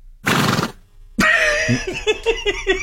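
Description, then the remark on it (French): A voice imitates a horse as part of an animal-imitation game: a short breathy burst, a pause, then a sustained whinnying call with a wavering, pulsing pitch, fairly loud. “OK, le cheval.”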